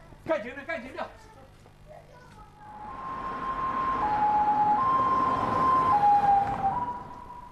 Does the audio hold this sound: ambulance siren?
yes